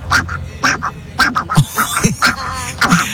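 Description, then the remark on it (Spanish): A radio listener imitates Donald Duck, with a run of raspy, buzzy quacking bursts in quick irregular succession, loud. “Ayer era imitando el Pato Donald, y algunos de ustedes sonaron así.”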